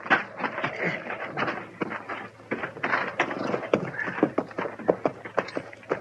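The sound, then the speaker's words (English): Horses' hooves clip-clop in an uneven, shuffling rhythm as the animals are led at a slow walk to be left in a lean-to by a deserted shack, the knocks over a soft background hum. “Let's leave our horses here in the lean-to”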